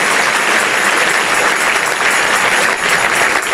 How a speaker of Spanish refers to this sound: Sí, ese es el aplauso. Dáselo más fuerte al Señor.